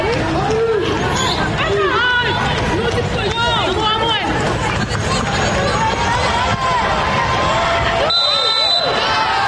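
A referee's whistle sounds briefly near the end over busy basketball play, with squeaking sneakers, a bouncing ball and a murmuring crowd filling the gym throughout.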